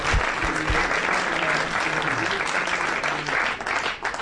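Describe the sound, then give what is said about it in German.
Sustained applause from a sizable audience welcoming a rock star, dense steady clapping that fills the whole moment at a loud level, with a faint hum of voices underneath. “Ein Applaus.”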